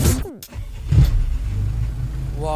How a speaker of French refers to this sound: Waouh. Pas vraiment une bombe, l'auto là. Hein. Ah, on monte pas là-dedans, moi.